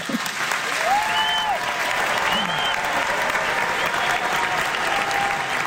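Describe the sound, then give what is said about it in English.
Sustained, dense standing-ovation applause from a large audience at Carnegie Hall after a children's chorale performance, steady and loud throughout, with a few faint whoops and cheers rising above the clapping. “I thought it might be nice for you to both get to hear that applause again.”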